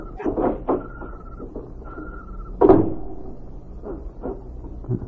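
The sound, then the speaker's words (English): A small side door opens in the dark with a thin, drawn-out squeak and a few knocking clicks, then lands with a solid thump partway through, followed by softer rattles and taps. “Here's the door.”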